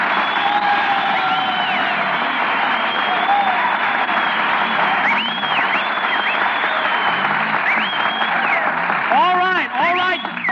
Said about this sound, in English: You met Miss Maxwell. Stop applauding. Who's applauding? I'm just fanning myself to keep cool.